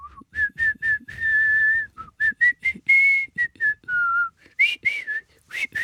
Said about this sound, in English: He used to whistle … song all day long and most days.